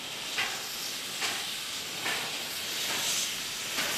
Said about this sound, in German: In Elk lädt eine Kleinbahn während des masurischen Sommers zu einer romantischen Fahrt ein.